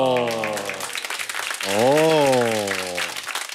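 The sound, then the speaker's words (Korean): Steady applause crackles throughout, with a dense patter of clapping beneath voices; an early voice trails off, then a drawn-out exclamation rises and falls in pitch over the clapping. “아니 이게 뭐 박수까지 받을 일인가요?”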